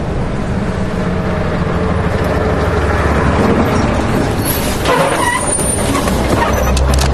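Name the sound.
car driving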